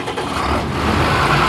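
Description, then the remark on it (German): A tractor engine runs steadily and fairly loud during grain harvesting, a continuous low rumble with a rough mechanical drone, holding even throughout with no voices. “Ob Paul auf seinem Trecker beim Getreideernten?”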